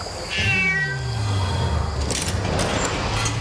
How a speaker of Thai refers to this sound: เสียงแมวเหรอทำไมในท้องพระโรงมีแมวเจ้าไปดูทีสิ